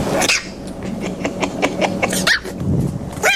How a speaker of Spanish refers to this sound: ¿Me ladras? Sí, claro, ¿cómo no le va a ladrar?